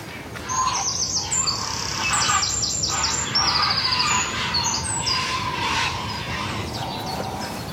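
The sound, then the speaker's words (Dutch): A busy chorus of birds at several nests, many flying in to the nests, calling over one another, mixing high chirps and whistles with rougher, throaty calls that almost sound like growling, steady and fairly loud throughout with no talking. “Het is een scala aan geluiden. Ja, soms grommen ze bijna, hè?”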